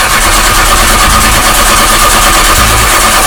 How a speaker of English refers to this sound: If you've ever turned up your radio to ignore that sound, we need to talk. Your vehicle is not starting a band, it's starting a problem.